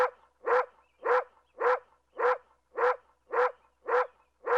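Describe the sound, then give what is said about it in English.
A dog barks in a steady, evenly spaced series, about nine sharp barks in under five seconds, clear with no voices alongside. “That dog can sell anything.”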